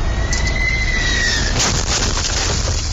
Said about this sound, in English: Dash cam sound from inside of a Baker's Express tractor trailer. That truck, according to the company, was struck by the landing gear of a United Airlines flight that came in too low. That plane struck a light pole.